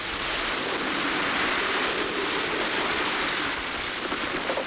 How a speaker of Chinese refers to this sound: 雨越下越大了，哟，打雷了！